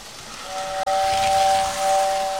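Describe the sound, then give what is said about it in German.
A small model railway train with a steady, sustained steam whistle sounding over continuous hissing and rumbling, briefly broken by a short click before the whistle carries on to the end. “Das war ja so eine kleine Modelleisenbahn.”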